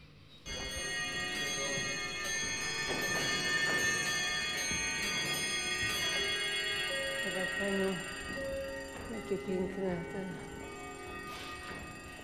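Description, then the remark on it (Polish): A chiming clock strikes, its bright, overlapping bell tones ringing steadily and sustaining for the whole stretch, with murmured voices faintly beneath the chimes. “No dobrze, zegar z kurantem też, nam tak powiedział, że już czas najwyższy, żebyśmy nagrywali.”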